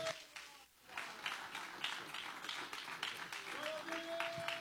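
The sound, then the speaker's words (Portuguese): A church audience applauds steadily for Jesus as the pastor is received at the altar, a dense wash of many hands clapping that keeps going for several seconds, with a few faint cheers and a sustained tone rising over the crowd. “Recebemos o anjo da igreja com aplausos para Jesus bem forte.”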